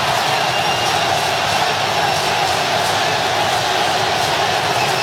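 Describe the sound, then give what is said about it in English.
A dense, steady roar of a large football stadium crowd in Philadelphia, Ecuador supporters chanting for their team during an Ivory Coast vs Ecuador match, with broad, continuous noise and faint rhythmic swells of chanting. No individual voices stand out. “You can hear the Ecuador crowd chanting for their team.”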